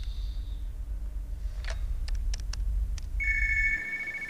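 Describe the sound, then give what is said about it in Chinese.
A phone rings: a few short electronic beeps and clicks, then a steady, bright ringing tone over a low background hum, moderately loud, with no one speaking. “给他打电话。”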